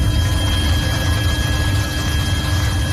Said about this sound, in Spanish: Sonido de los helicópteros, el fuego de madrugada ha avanzado un poco, ha bajado de intensidad.